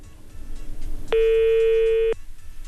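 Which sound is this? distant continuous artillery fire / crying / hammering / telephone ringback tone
telephone ringback tone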